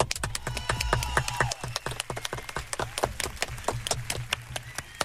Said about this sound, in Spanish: te vamos a dar un fuerte aplauso aquí de la Hora Kids.